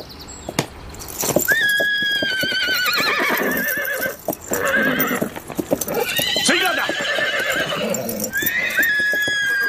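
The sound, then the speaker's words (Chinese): A horse neighs repeatedly in loud, high, wavering whinnies while hooves clop and stamp throughout, with a brief voice speaking in between. “骑狼息怒，卫青初来乍到，这匹马恐怕有点认生。”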